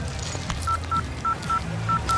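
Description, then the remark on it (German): A series of short electronic keypad beeps as a mobile phone number is dialed to call another person, about six tones in quick pairs, moderately loud over a low background hum. “Ich rufe dich jetzt an, dann hast du ja meine Nummer.”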